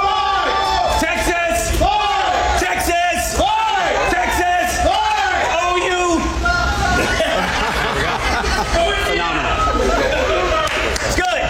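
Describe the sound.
A large crowd at the Texas state fair roars back in unison in response to a cue shout of "Texas!", many voices shouting and whooping together in loud, overlapping bursts that keep up steadily, with scattered chatter and laughter mixed in.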